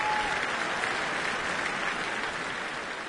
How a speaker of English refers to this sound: They turn to salute the audience behind them before turning once more to take the applause.